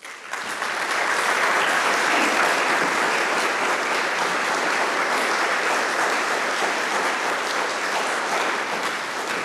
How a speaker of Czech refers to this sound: 5+1, to je nástrojová sestava, která je tu právě teď s námi, a prosím, abychom ji přivítali potleskem.